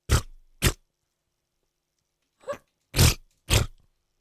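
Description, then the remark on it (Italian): A voice imitates armpit farts with the mouth: five short, wet, sputtering blasts, two quick ones, a pause, then three more, loud, with no talking. “Ha simulato l'ascella che ha a bocca.”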